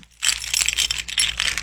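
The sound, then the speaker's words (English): Keys jingle and rattle as they are taken out to open the lock of a treasure chest, a continuous bright metallic clatter lasting over a second, with small clinks rising and falling as they are handled. No voices are heard. “So let me get my keys out.”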